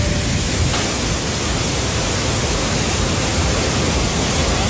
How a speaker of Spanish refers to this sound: Por ejemplo, se registraron 74 litros en Chercos, 71 en Belefique, 70 también en Bacares, todo esto este fin de semana. Y claro, pues sonido clásico de lluvia cuando ocurre.